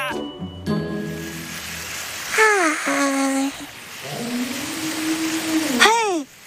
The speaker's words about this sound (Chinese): 好像又来了一头鲸。 有可能鲸和鲸之间经常用歌声来交流。